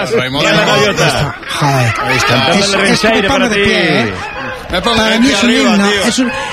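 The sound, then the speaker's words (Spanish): Loud seagull cries overlap continuously, a chorus of harsh, wavering squawks and laugh-like calls rising and falling with hardly a pause. “Escuchar las gaviotas es un himno para mí.”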